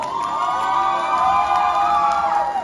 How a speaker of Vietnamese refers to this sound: Và chúng ta sẽ cùng dành một tràng vỗ tay để cùng chào đón quán quân